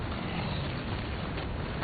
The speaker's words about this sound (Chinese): 对，志勇，这是轰炸机的声音。